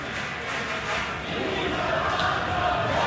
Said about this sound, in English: Pete Alonso stepped up to the plate at the top of the ninth inning at Citi Field with 299 career home runs. The crowd screamed his name.